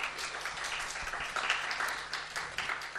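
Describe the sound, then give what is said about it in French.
A room full of people in a hall applauding the young women in the audience, a dense, steady patter of many hands clapping at once that keeps up for the whole stretch with no one speaking over it. “Donc merci, on applaudit les jeunes filles dans la salle, s'il vous plaît.”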